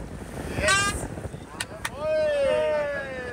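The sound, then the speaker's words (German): A sailboat pushes through the water in steady wind during a race to Stralsund, with a constant rush of wind and spray and a couple of sharp knocks, while voices of the crew rise briefly over the noise. “Das ist wirklich so, die endlose Weite auf dem Wasser zu spüren, ja, mit den Elementen eins zu sein, nur von der Kraft des Windes angetrieben zu sein, das ist ein schönes Gefühl, mit den Elementen zu strömen.”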